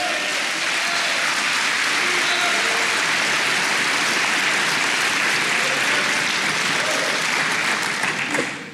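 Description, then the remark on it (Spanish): An audience claps for the Lord during a sermon, a dense, continuous wash of many hands with faint voices underneath, holding an even level before tapering off in the last second. “ahora yo no ando celando, ahora no ando con aleluya, dele palmas al Señor.”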